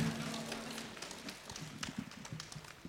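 A crowd applauds steadily to see off a vocal ensemble leaving the stage, in a dense, continuous wash of clapping that fills the whole stretch at a moderate level, with a faint voice briefly underneath at the start.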